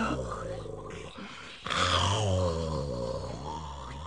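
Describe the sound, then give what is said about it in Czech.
Sleeping dogs grunt and growl low for several seconds, a rumbling, throaty stretch that dips briefly before swelling into a louder, longer growl and then trailing off. “U všech všudy tohle jsou mi nafoukaní psi. Ještě, že na chvíli usnuli a dají pokoj.”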